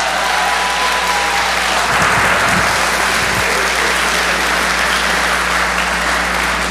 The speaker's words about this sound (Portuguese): Eu nunca vi umas palmas tão ridículas na minha vida.